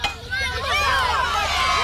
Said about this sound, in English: The crowd went wild.